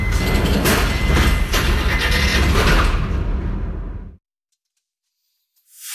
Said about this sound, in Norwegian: Dørene lukkes.